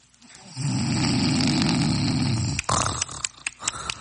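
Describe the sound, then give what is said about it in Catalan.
A husband snores loudly at night with one long, rough, rattling inhale lasting about two seconds, followed by a few sputtering snorts and clicks as it breaks off. “Són tantes nits sense poder dormir per culpa dels roncs del meu marit.”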